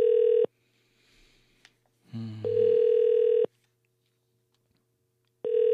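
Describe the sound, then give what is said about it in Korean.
A telephone ringback tone from a call placed by the Far East Broadcasting radio station (극동방송) to a listener rings in steady, evenly spaced bursts of a single mid-pitched hum, with a short burst of low muffled noise between them. Nobody picks up. “전화를 안 받으시네.”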